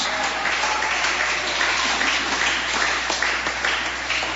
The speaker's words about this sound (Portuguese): Palmas que glorifique a Jesus.